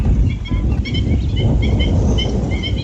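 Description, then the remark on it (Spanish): A busy chorus of waterbirds calls at a lagoon, many short honks and chirps overlapping continuously over a steady rumble of wind or water, loud. “Para el visitante que llega con unos prismáticos o un telescopio, el verdadero protagonista es otro, el movimiento constante de las aves.”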